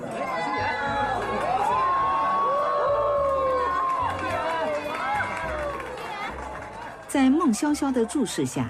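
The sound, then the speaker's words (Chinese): A crowd at an evening Dongcheng Jewelry cocktail reception celebrating a design studio's opening cheers and shouts as a woman in an elegant gown makes her entrance, many overlapping voices swelling into a loud, sustained roar of excitement that surges again near the end. “顾新妍穿着端庄又不失性感的礼服惊艳出场，引来了全场的欢呼。”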